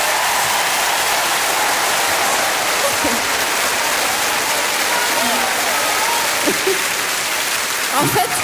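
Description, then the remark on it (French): Sustained audience applause, a dense steady wash of many hands clapping at an even, fairly loud level, with a few brief voices faintly surfacing under it. “Mais je peux vous dire que ce soir, dans la salle, il y a beaucoup d'hommes et je voudrais que toutes les femmes les applaudissent.”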